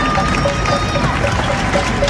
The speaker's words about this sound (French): Eh oui, printemps 2020, tous les soirs, 20h, on se mettait sur nos terrasses, nos balcons, ou alors on ouvrait nos fenêtres et on applaudissait les soignants, notamment les infirmiers et infirmières.